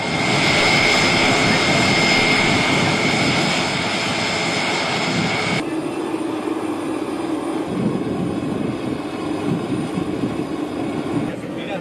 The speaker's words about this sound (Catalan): Aquest moment és el de la baixada de l'avió del papamòbil, que està traslladat en un avió de l'exèrcit de l'aire. Ara ho explicarem. És el so que ens deixava aquest moment del trasllat, de l'arribada a Madrid i la custòdia del vehicle de protecció